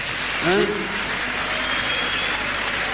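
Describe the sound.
Steady audience applause fills the whole stretch, a dense, even crackle of many hands clapping, with a brief voice rising over it near the start.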